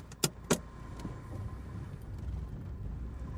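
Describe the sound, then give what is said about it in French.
Two sharp clicks in quick succession, then the steady low rumble of a small Renault Twingo car's engine running at night, continuing evenly without any voices. “Boîte en ferraille montée sur 4 roues, qui file à folle allure en rasant le bitume.”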